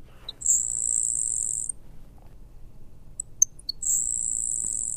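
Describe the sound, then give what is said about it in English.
A grasshopper sparrow sings twice: each song starts with a soft chip or two, then a thin, high, insect-like buzz lasting about a second. Faint hum underneath, no voices. “the grasshopper sparrow, which is a lot more common, but like its name suggests, it definitely has a sound that's almost insect-like, as opposed to what we would consider a general song.”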